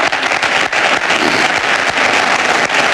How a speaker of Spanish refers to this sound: Aplausos del público que asiste al acto de cierre de elecciones de Florentino Pérez, que siga hablando.